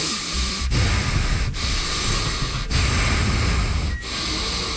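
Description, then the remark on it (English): A voice imitates a man's heavy, labored breathing: loud, rasping breaths with brief catches between them, about four cycles in a steady, strained rhythm and no talking. “He was breathing terribly hard, and someone on our morning show said, hey...”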